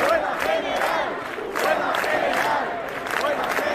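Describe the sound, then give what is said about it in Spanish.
A dense crowd protesting the housing crisis at night in the Puerta del Sol, Madrid, shouts and chants together, a loud, continuous roar of many voices with rising and falling surges and no single voice standing out. “Hoy termina el plazo dado por la comunidad y el ayuntamiento para desalojar la Puerta del Sol, que una noche más está abarrotada de gente protestando por la crisis de la vivienda.”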